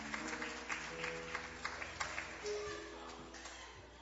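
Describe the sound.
A church audience claps along joyfully for Jesus in a steady rhythm, the sharp claps repeating about four times a second over sustained musical tones and voices.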